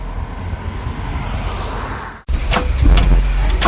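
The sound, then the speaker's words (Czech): A car's steady engine and road rumble cuts off abruptly, then resumes louder with sharp, irregular knocks, shaking and rattles over a rough, grinding motor sound. “Opet lupka, treska, vergla, još mi treba izmjena guma.”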